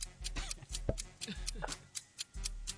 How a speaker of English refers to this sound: All right, here we go. Start the clock.